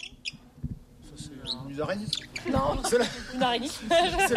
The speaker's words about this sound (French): Non, c'est le gros bec.